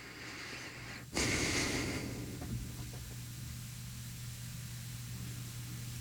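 Soft breathing into a microphone: one breathy exhale swells up about a second in and slowly fades, over a steady low hum and faint hiss, with no talking.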